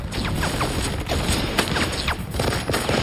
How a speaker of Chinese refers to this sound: 在 MG42 机枪的疯狂扫射下，多菲内冒险前进。 MG42 是德国人制造的一种多用途机枪，拥有令人生畏的射速，1分钟1500发子弹，听起来就像布匹撕裂的声音。